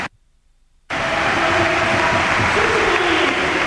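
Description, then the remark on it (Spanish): After a brief silence, loud, dense arena crowd applause bursts in at the Palau during a basketball game, after player Joel Parra gestures for the crowd to applaud, and holds steady as a continuous wash of clapping and cheering until the end. “Pidiéndole al Palau que aplauda.”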